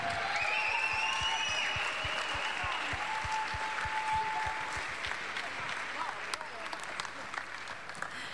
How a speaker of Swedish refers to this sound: applåd för …!